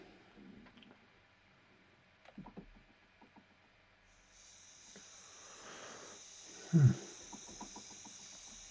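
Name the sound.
crickets chirping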